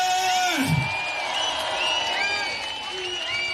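A crowd applauds and cheers steadily for a few seconds, a dense wash of clapping with scattered whoops and shouts rising above it.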